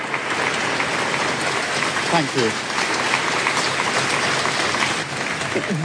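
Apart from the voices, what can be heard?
staff applauding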